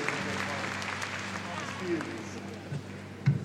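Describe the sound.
An audience applauds a priest in a steady, dense wash of clapping that fills the whole clip, with a low hum and a few brief voice-like sounds underneath.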